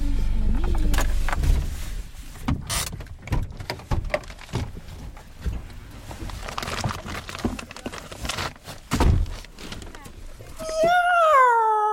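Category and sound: animal, cats meowing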